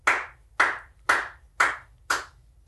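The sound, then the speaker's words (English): Sparse, slow clapping in an office: five crisp claps spaced evenly about half a second apart, fairly loud, each ringing briefly before the next, with no voices. “That's my favorite kind of applause.”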